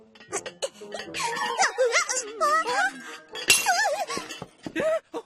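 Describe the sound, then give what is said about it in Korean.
Plates being washed clatter and break in a run of sharp, bright clinks and crashes, while squeaky, warbling high-pitched voices chatter over the commotion. “이게 무슨 소리냐? 접시가.”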